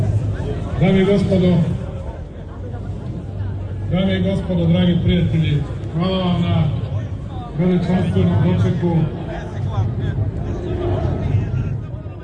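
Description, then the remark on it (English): A large crowd at a government rally in Belgrade, Serbia, in support of the ruling party, chants and cheers as President Aleksandar Vučić takes the stage. The chant has a steady, rhythmic pattern, voices rising together in repeated bursts roughly every two seconds, with cheering and loud crowd noise filling the gaps. “As he took to the stage, the crowd chanted and cheered.”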